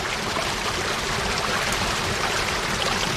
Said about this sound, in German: Und dieses Wasserspiel ist das Wasser. Und kein Mensch weiß, wo das Wasser herkommt. Ob das nur das Regenwasser ist oder ob man das auftrinken kann, keiner weiß es.